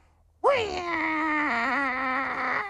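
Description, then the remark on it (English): A person's voice imitates an angry cat's yowl: one loud, drawn-out, nasal wail that jumps up sharply, then wavers and sags slightly in pitch for about two seconds before cutting off. “Is that an angry cat?”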